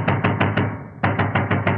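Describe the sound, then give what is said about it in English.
A vicar raps firmly on a door at 4 a.m.: four quick, loud knocks, a brief pause, then five more in the same steady rhythm, with no voices. “Please open the door, sir.”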